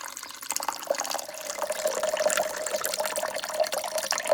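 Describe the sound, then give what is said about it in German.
Ice-cold buttermilk being poured into a cup with coarse chunks of honeydew melon, a steady gurgling, splashing stream lasting several seconds with a faint ringing tone running through it. No one speaks. “Ich schneide die Melone in grobe Stücke und gebe diese zusammen mit der Buttermilch in einen Becher.”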